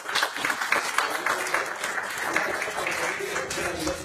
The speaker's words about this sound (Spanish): Bienvenida a toda la familia. Dame un fuerte aplauso.